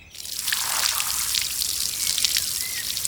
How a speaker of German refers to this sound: Warum spritzt du die Knochen denn mit dem Gartenschlauch ab? Muss die reinigen.